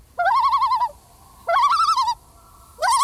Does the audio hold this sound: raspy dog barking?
no